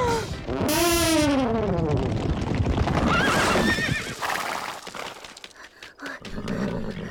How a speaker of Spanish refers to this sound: ¡Caballos desbocados! ¡Auxilio! ¡Auxilio! ¡Caballos desbocados! Parecen caballos desbocados. ¡Caballos desbocados! ¡Caballos desbocados! Ciertamente. ¡No! ¡Deténganse! ¡No puede ser! ¡Vienen directo hacia nosotros!